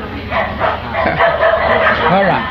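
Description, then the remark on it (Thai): A dog barks and yips out of happiness in quick repeated bursts as it is let out and runs around, mixed with a person's voice talking over it. “เพราะอะไรเขาดีใจนะเขาเห่าด้วยความดีใจพอเปิดมาเนี่ยวิ่งเพ่นท่านนะ”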